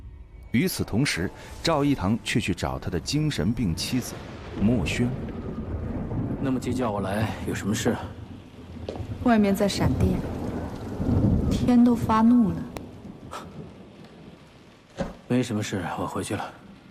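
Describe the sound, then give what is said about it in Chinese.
A thunderstorm with lightning outside, steady heavy rain and deep rumbles of thunder rolling through the background while people talk over it. “外面在闪电，天都发怒了。”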